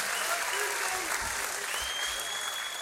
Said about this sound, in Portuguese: Palmas para vocês mais uma vez.